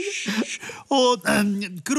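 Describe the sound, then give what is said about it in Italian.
Someone cries and whimpers in a series of loud, wavering sobs, each burst rising and falling in pitch with brief catches of breath between them. “Ma sento che piange.”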